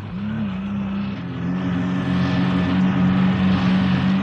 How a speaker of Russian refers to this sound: Дорога совсем утонула в снегу. Машина едва тащится.